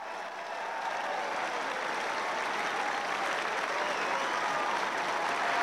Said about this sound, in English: Well, a very good afternoon to you, and welcome along to our dedicated feed from the number one court. You can hear a ripple of applause. It's for the players. Jan-Lennard Struff leading out Jannik Sinner onto the hallowed lawns